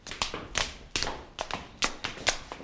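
Footsteps climbing the stairs of a castle up to the knights' hall (Rittersaal), about six or seven crisp, hard-soled steps in a steady, even rhythm, moderately loud, with no voices.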